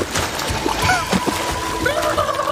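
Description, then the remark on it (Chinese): Sea water splashes and sloshes steadily against the shore, a continuous wash of splattering water with faint voice-like tones drifting underneath. “这里是岸边，前面就是大海，那边就是世界的尽头。”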